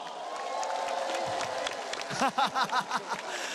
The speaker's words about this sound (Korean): 자, 다시 한번 우리 기수에게 박수 부탁드리겠습니다.